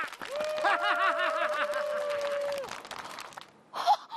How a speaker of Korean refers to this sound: 그래서 가위바위보의 승자는 그렇죠! 박수 쳐!